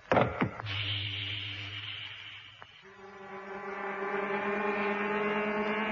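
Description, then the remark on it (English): Pumps on a freighter ship are set going to fill its tanks: a few sharp clicks, then a steady pump motor hums loudly. It shifts to a deeper, fuller mechanical drone that rises slightly and holds. No voices. “I'll call you just before I'm ready to set the pumps going.”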